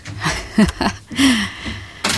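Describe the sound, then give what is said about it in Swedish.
A person leaving a studio handles the door and slams it shut: a few sharp bangs and knocks, a brief low creaking squeal in the middle, then a final loud thud, with no talking. “Du får smälla i dörren sen så vi hör att du verkligen har gått ut.”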